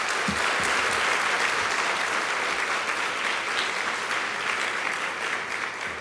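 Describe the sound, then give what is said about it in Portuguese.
Sustained, loud applause from a large audience of Mozambican children, steady dense clapping that fills the whole stretch without pause, with no voices rising above it. “Podem dar uma salva de palmas para todas as crianças que não estão aqui?”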